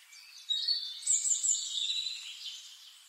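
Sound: birds singing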